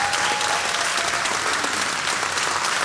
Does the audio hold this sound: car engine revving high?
no